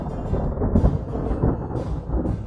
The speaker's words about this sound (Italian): Ed ecco che durante un temporalone dell'estate gli capitò una disgrazia. Il cielo era gonfio di nuvole brutte, il tuono ruzzolava lontano e un ventaccio strapazzone scarmigliava gli alberi.